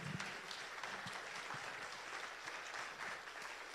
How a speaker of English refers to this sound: Just give a hand clap there, would you please?